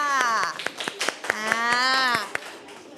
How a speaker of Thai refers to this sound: ปรบมือให้กลุ่ม3ด้วยค่ะ